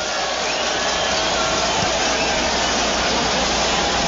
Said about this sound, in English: And there he is. And you can hear the smattering of applause from those who are paying attention. Here on ESPN Radio, you get your first listen to Fernando Mendoza's first NFL snaps.